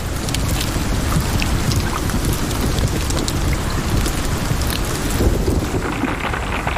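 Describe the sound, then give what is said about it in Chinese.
Hailstones fall from the sky and pelt the ground in a dense, steady clatter during a storm, with sharp individual impacts standing out above a deep, roaring storm and wind rumble. No voices are heard. “它需要担心的是从空中砸落到地面的冰雹。”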